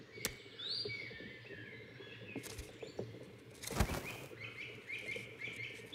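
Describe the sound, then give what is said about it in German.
A great spotted woodpecker pecks rows of holes into tree bark in a few sharp, irregular knocks, tapping the sap channels so the tree sap seeps out, while small birds chirp and twitter softly in the background. “Der Buntspecht hackt reihenweise Löcher in die Rinde und pickt die Leitungsbahnen an, damit der Baumsaft herausquillt.”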